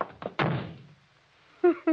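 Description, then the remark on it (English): A door slams shut with one loud, heavy bang that rings out and fades, preceded by a couple of small clicks. Two short bursts of voice follow at the end. “You shouldn't have slammed the door, Crane.”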